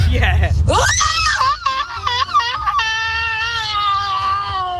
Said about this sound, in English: A lot of despair on that one. That's also amazing. I know. That's a six car pile up scream.